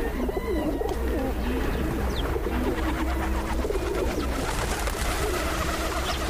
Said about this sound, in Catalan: Colom roquer. Colomba lídia. Au habitual en camp obert durant tot l'any.